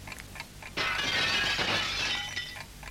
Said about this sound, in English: It's knocked something off the table. Wasn't your microphone on the table?